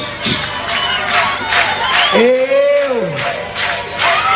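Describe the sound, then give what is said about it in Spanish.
A loud crowd in Buenos Aires claps in a steady rhythmic beat while cheering, and one voice lets out a long rising-and-falling whoop over the noise midway through. “A ver las palmas, vamos.”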